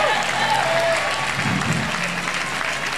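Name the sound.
audience applauding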